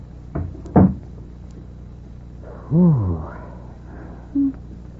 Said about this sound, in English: Close the door for you